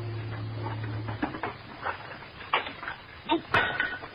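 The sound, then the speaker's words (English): Dishes clink and clatter in a sink as they're washed, a handful of irregular knocks ending in one sharper clack, over a faint low hum. “Oh, I'm almost done with what's left of these dishes.”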